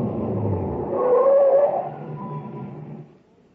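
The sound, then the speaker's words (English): A truck engine rumbles, swells briefly, then drops to a lower idle as the truck pulls up and stops by a reactor equipment building, the sound cutting out at the end. “Just stop the truck.”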